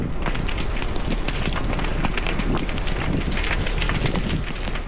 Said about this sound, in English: Fast-moving flames beside Westside Road, the wind howling and pushing the fire dangerously close to properties.